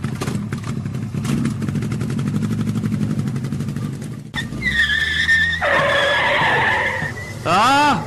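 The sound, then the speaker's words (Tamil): A motorbike engine revs hard and roars off at speed, loud, followed by sharp tyre screeches and skidding squeals near the end. “தம்பி நீ வாப்பா, நமக்கு போலாம், பைக்ல ஏறு.”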